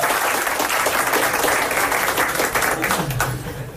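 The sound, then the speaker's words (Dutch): Steady audience applause fills the whole moment, a dense wash of many hands clapping at even loudness, with a faint voice briefly rising near the end. “Je mag applaus voor.”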